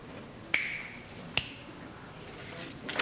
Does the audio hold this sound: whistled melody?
no